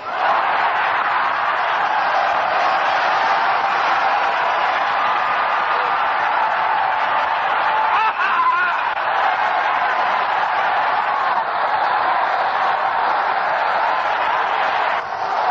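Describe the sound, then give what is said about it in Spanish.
An audience shouts "Gloria a Dios" (glory to God) together in one sustained, loud roar of many overlapping voices, raising their hands. It holds steady for the whole stretch, with no single speaker standing out. “Vamos a dar un gritito de clamor. Voy a señalar y van levantando la mano y dando un gloria a Dios.”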